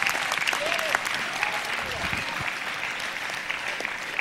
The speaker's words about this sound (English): Clap your hands, all you kingdom citizens.